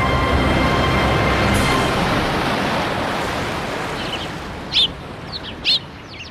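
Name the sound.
ocean waves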